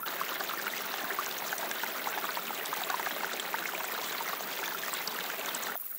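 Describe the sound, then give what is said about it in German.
Spring water bubbles and splashes steadily out of rock at the foot of the Bartberg in the Kaiserstuhl during a drought, a continuous gurgling stream with no voices, running evenly for the whole stretch. “Am Fuß des Bartbergs sprudelt eine Quelle aus dem Felsen, die trotz der Dürre nicht versiegt.”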